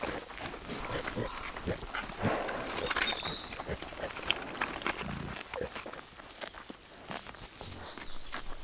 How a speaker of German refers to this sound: Die Schweine sind vom Hochplateau zurück. Im Herbst fressen sie fast ausschließlich Kastanien.